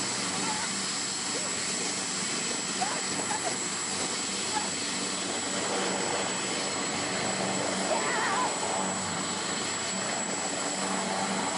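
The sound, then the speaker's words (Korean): A helicopter's rotor and engine roar steadily and loudly, heard by someone riding in it, a dense continuous whirring that fills the whole stretch, with faint voices barely audible beneath it. “내가 탄 헬리콥터야!”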